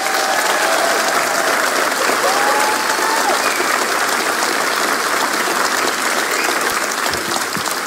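Loud, sustained applause from a large, enthusiastic audience at the Taanbeeld cultural centre in Aartselaar, where the Radio 2 programme De Zoete Inval is a guest; a dense continuous clatter of many hands clapping with no pause across the whole stretch, faint voices mixed in underneath.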